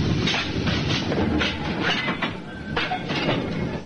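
A train rumbles steadily along the rails, its wheels beating out a repeated clickety-clack over a loud, continuous roar, unbroken from start to finish.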